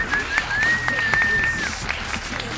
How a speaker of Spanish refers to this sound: Damas y caballeros, ha salido el sol. Un aplauso para el sol.